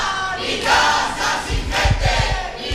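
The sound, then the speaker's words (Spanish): A crowd gathered at the entrance of a family's residential building as they face eviction, a loud mass of voices rising and falling in rhythmic, chant-like swells, with low thumping beats joining in partway through. “A estas horas este es el ambiente que hay en la puerta del portal”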